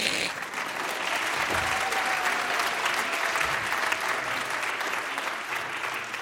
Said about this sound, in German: Ja, könnt ruhig klatschen.